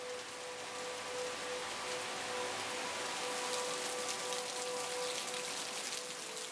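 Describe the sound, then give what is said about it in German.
A heavy cloudburst hisses steadily across the whole clip, a dense, even roar of rain filling collection jars with water and farm-field pollutants, with a faint constant tone running beneath it and no voices. “Der nächste Wolkenbruch füllt die Gläser mit Wasser und mit Schadstoffen vom Acker.”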